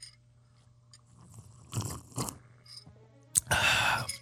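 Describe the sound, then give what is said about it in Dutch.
Slurping of hot coffee: two short, wet sips followed by a sharp click and one longer, louder slurp, with no talking over a quiet background hum. “Als doe je dan slurpje toe, hè?”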